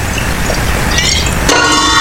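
A glass-clinking sound effect: glasses clink once near the end, a bright ringing tone that lingers after a stretch of dense, rumbling background noise.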